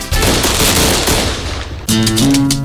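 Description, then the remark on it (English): A loud, dense volley of crackling fireworks pops rapidly for about two seconds, then gives way to a bright musical tone with no talking. “Church Fireworks in Midtown in Rockwood next to Patterson's Appliances.”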